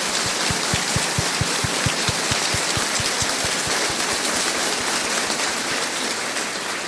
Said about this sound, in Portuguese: Vamos dar uma salva de palmas bem forte para os nossos pais.